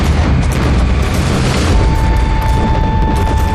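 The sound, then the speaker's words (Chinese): Heavy gunfire erupts in a dense, continuous barrage as the Red Fourth Army attacks Lu Xinming's forces at Baisha in three columns, with deep booming blasts rolling underneath, loud throughout, and no voices. “三年前我在那里开办过合作社，哪里想到我还没走到镇子，枪声四起。”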